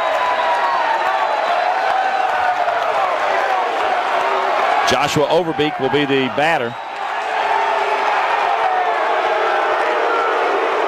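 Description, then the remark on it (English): A large stadium crowd at a Nebraska baseball game roars and cheers loudly and continuously, a dense wash of voices that barely dips and is too loud for a player to hear, while a public-address announcer briefly speaks over it midway. “A defensive timeout because Rabe could not hear with this loud crowd, I guess.”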